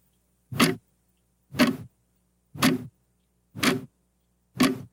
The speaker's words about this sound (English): The sound of a ticking clock in an empty room. I don't know why this makes people so crazy. You think that it would be kind of soothing, but it turns out that if the room is quiet and all you can hear is the ticking,